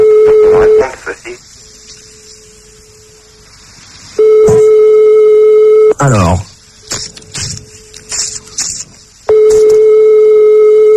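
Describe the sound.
A telephone ringback tone sounds in long steady pulses on an outgoing call to a direct line, three rings with pauses between, while a man talks over the gaps and a brief descending swoop sound plays.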